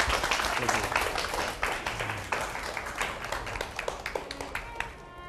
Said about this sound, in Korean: 예 박수 좀 쳐주세요. 네.